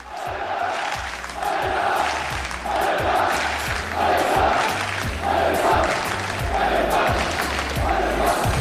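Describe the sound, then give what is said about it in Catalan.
About 500 RCD Mallorca football supporters chant loudly in unison as they enter the Ciutat de València stadium, repeating a short phrase over and over to a steady beat of sharp claps or drum hits. “L'afició del Mallorca que ja està començant a entrar a l'estadi del Ciutat de València, aquests 500 aficionats”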